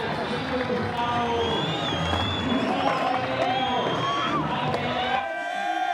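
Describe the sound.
A dense, steady roar of a large crowd in Argentina cheering and shouting together, with whistles and voices piercing through, staying loud throughout before dropping off sharply near the end.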